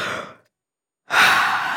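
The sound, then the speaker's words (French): A person lets out a big, breathy yawn: a short airy exhale fades to silence, then a longer, louder drawn-out breath follows, close and clear with no talking. “Il bâille à s'en décrocher la mâchoire.”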